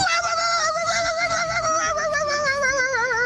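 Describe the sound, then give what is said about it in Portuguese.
A person imitates a dog with one long, wavering howl-like whine, sustained and fairly loud for a few seconds, with no talking. “Ah, isso aí é uma verdadeira lesse, né? Uma cadelona.”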